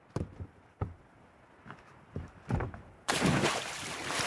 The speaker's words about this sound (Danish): Ja, der var et ordentligt plask i hvert fald, kunne vi høre der.